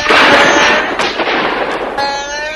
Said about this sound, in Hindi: सिपाहियों ने गोलियों की भयानक बरसात कर दी।